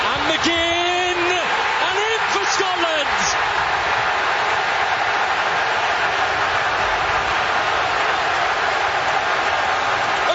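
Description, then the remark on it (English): A huge stadium crowd in Foxborough roars steadily for about ten seconds as Scotland go 1-0 up over Haiti in a soccer match. The roar is loud and continuous, with a few high whoops and shouts rising out of the din near the start. “Listen three to that crowd.”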